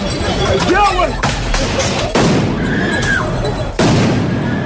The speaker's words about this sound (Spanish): Este era el ambiente de la celebración de la victoria del Paris Saint-Germain.